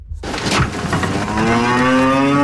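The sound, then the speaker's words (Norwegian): A loud cow moo rises into a long, sustained harmonic bellow as cows are let out to spring pasture on a farm in Sørdalen, Bardu, Troms, Norway, with some background clatter and other farm noise underneath; no one speaks. “Det er kurslipp på gården i Sørdalen. Kyrne vet ikke selv, men det er en viktig del av matberedskapen i nord.”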